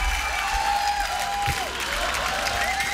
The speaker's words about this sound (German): für euch nochmal einen riesen Applaus.